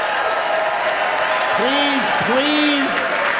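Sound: audience clapping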